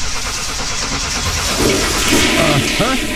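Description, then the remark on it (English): A toilet flushing sound effect in an ad about underinflated car tires wasting money: a loud, steady rush of water, swirling and gurgling, with a few rising squeaky tones near the end. “I can tell you right now, lady, the problem is you're flushing your money right down the drain because your tires are underinflated.”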